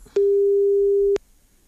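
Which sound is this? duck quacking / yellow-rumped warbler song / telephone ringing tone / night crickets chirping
telephone ringing tone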